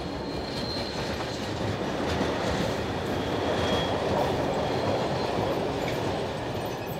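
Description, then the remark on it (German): A local freight train with an escort wagon, running between Leobersdorf and St. Pölten in Austria, rolls steadily past on the rails, a broad continuous rumble with faint clatter and a thin metallic squeal of wheels riding above it, holding at an even level throughout. “Zwischen Leobersdorf und St. Pölten verkehren sogar noch Nahgüterzüge mit Begleitwagen.”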